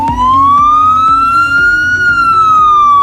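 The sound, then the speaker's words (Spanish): A SAMUR Protección Civil ambulance siren wails loudly in one slow sweep, its pitch rising then easing back down, over a steady low engine rumble with faint repeated thumps. “Son 52 ambulancias, 28 UBIs, vehículos de intervención rápida que cambian su aspecto, más franjas diagonales rojas y amarillas en la parte trasera para favorecer su contraste, mejores sistemas de sujeción interior y ayuda mecánica para cargar”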